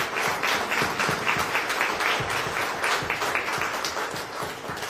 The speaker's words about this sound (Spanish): Así que la felicitamos y le damos un fuerte aplauso a ella y a los niños que la acompañaron. Gracias.